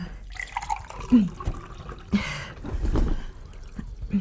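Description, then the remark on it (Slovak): Water splashes and trickles into a glass in short bursts, with a few drips and light clinks, fairly quiet, with no one talking. “Chcete vodu? Poďte, sadnite si.”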